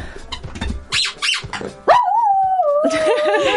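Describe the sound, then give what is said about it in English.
A dog named Poppy, in a studio, gives a few sharp yips and barks, then breaks into a long, wavering howl that rises and holds, loud, with the howl continuing to the end. “I think that'd make a great dog. Jingle. Just Poppy howling.”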